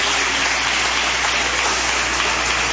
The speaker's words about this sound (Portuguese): Quantos recebem esta palavra? Levante a sua mão, diga graças a Deus, bate palmas para o Senhor Jesus. Aleluia.